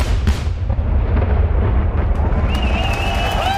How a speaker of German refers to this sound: Es ist ein riesiges Event am Rhein, wie der Name schon sagt, hier in Köln. Um die 150.000 Leute sind gekommen, vor allem fürs große Feuerwerk um 23 Uhr.